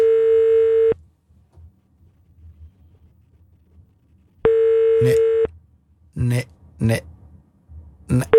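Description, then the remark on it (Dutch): A phone line rings out twice during a radio call to Kiemeke van Onsen, each long, steady, buzzy ringback tone separated by a few seconds of quiet, with nobody picking up; short bursts of a voice follow the second ring. “Nu pakt hij niet op, hè.”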